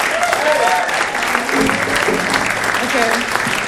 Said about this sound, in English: clap for the drums.